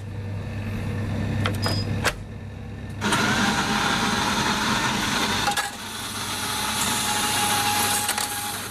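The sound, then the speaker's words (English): A coffee machine at work: a low mechanical hum with a few sharp clicks, then a steady hissing, whirring rush that dips briefly and resumes, with no one speaking. “Well done to you if you recognise that as a sound of a coffee machine.”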